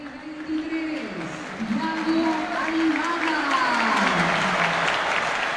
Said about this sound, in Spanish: Buena recepción del público. El más aplaudido de todos, podría. Y bueno, es darle la bienvenida.